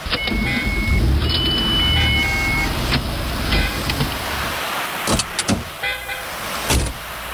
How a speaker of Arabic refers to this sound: شوية شوية بس بدي اصف السيارة، عايزك بموضوع.